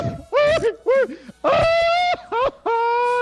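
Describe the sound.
A Mexican grito shout from a single voice, a Candela radio listener's finalist entry in a grito contest: a few quick warbling yelps that swoop up and down in pitch, then two long, loud, sustained high cries.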